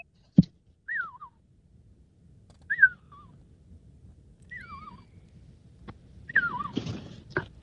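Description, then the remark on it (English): A person whistles four short, swooping calls spaced a couple of seconds apart to call their pets, over a quiet rumbling background, with a sharp knock at the start and rustling near the end. “And can you whistle to them now, …, and see if they'll respond?”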